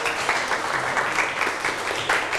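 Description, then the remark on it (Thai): Students in a classroom applaud a classmate together, a steady, dense patter of many hands clapping for a couple of seconds, with no talking over it. “นั่งลงได้ปรบมือให้เพื่อนหน่อยครับ”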